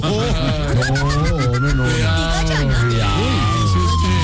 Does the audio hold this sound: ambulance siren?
yes